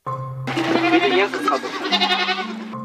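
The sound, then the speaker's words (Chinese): A pen of several hundred goats on a mountain bleating over one another, a dense overlapping chorus of wavering cries that stays loud for a few seconds before thinning out. “山上安静敞亮，让老两口不愿离开的更重要的原因是山上圈里的几百头山羊。”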